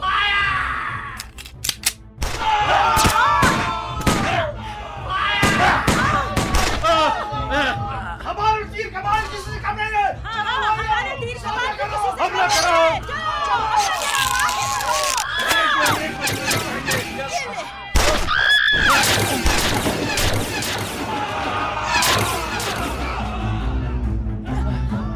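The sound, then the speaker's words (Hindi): A loud battle scene of an army attacking revolutionaries with guns: a crowd yells war cries while sharp gunshots crack in scattered bursts, thickest at the start and again partway through, with shouting continuing throughout. “सेना ने बंदूकों से क्रांतिकारियों पर आक्रमण कर दिया।”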